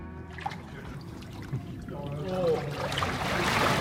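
Water sloshes and splashes as someone wades in carrying a microphone at a nude bathing spot, the churning growing louder and busier toward the end, with faint voices in the background.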